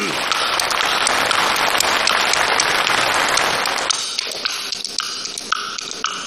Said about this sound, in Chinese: 好，嗯，这个掌声热烈一点 啊。